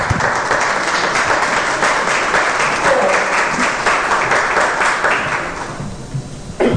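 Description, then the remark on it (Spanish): During a sermon, an audience breaks into sustained, dense applause for Jesus Christ, many hands clapping loudly and steadily for several seconds before it thins out and fades near the end. “¿Cuántos le dan un aplauso a Jesucristo?”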